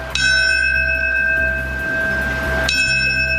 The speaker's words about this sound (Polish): Minutę ciszy poprzedziło siedmiokrotne bicie dzwonu.